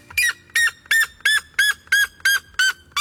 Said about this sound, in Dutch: Wetenschappers hebben voor het eerst gemeten hoe hard hij schreeuwt. En wat blijkt? Hij zou wel eens de hardschreeuwende vogel ter wereld kunnen zijn. Hij tikt namelijk de 120 decibel aan.